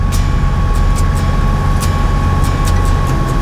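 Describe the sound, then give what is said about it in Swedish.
A Land Rover Defender drives along a rough, narrow, winding road up and down steep hills through woods, its loud, steady engine and road rumble filling the cabin while sharp rattles and knocks come and go over the bumps. “Det är nu ett svepskäl egentligen, man kommer nog upp med en Toyota Yaris också här, men det är kivogare att köra med en Land Rover Defender.”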